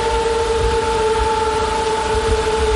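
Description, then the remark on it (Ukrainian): A continuous buzzing hum of drones, launched in swarms by Russian forces into the sky near Dobropillia once the sun came out, holds two steady, sustained pitches over a broad noisy wash, loud and unbroken throughout, with no voices. “Щойно дозволяє погода, дрони сповнюють небо під Добропіллям. І їхній гул, здається, вже не змовкає ні на секунду.”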